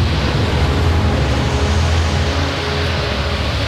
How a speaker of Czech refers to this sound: Kriste, pane! Takové vlnobytí jsem si nedokázal ani ve snu představit, pane Hawkinsi. A vítr sílí každým okamžikem. Už jsme přišli o jednu plachtu.